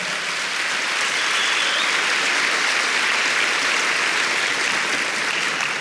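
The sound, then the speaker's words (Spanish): A crowd claps hands for the Lord during a sermon, a steady, dense wash of applause that holds at an even, fairly loud level throughout, with no voices standing out above it. “Dele palmas al Señor.”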